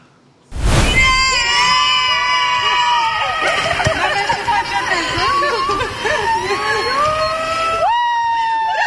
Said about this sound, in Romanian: Alina Șerban a fost așteptată pe aeroportul Henri Coandă cu flori și urlete de bucurie de câțiva dintre actorii care fac parte din distribuția filmului Eu Contez.